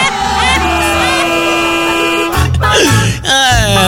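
Loud, insistent car horn honking: one long sustained blast followed by a quick series of shorter, choppy honks, overlapping with a busy, noisy background.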